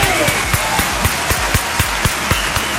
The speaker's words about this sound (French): Les applaudissements quotidiens, ça vous le savez, et on y est, c'est le grand jour, la fin de la semaine est là.